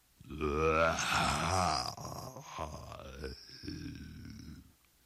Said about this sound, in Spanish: Llegando, vieron a un hipopótamo bostezando con su bocaza.